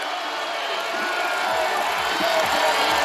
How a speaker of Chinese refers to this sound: 而意大利队现在第四棒维托茨也享受着主场观众的欢呼声这样的礼遇，法国队也向他们表示祝福。